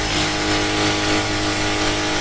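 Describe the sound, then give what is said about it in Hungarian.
A power drill runs continuously with a steady, loud motor whine, a constant buzzing hum holding one pitch throughout, with no pauses and no voices. “Ez egy fúró gép.”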